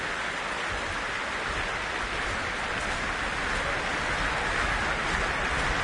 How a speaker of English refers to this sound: Well, a vast crowd gathered here in the Royal Albert Hall this Sunday evening, and as you can hear, an encore is being demanded.